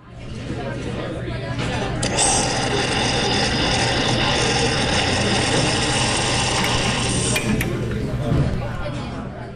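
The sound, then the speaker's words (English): An espresso machine brews with a steady pump hum and hissing rush of steam and water for about nine seconds, with a couple of brief clinks near the start and end. “The sound of the espresso machine announcing Classical King's Morning Shot of Espresso, a musical energy boost to kickstart your day with some musical caffeine every weekday morning at 6:45.”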